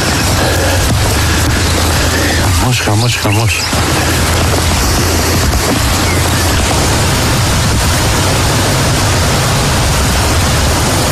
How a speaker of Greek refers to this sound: Στην περιοχή της Λάρισας η χαλαζόπτωση σε συνδυασμό με την ισχυρή βροχόπτωση φέρνουν απόγνωση. Χαλάζει έντονο.